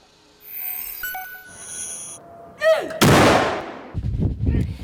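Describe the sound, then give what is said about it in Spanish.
A heavy artillery salute salvo booms out suddenly, its roar rolling and decaying, followed by further rumbling thuds; softer tonal ringing and murmurs come before the blast. Salvos fired in Norway in mourning for the death of King Harald in Oslo, with all the bells of Norway ringing for an hour. “Salvas y todas las campanas de Noruega sonando a la vez durante una hora en señal de luto.”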